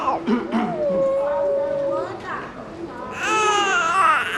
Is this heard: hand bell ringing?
no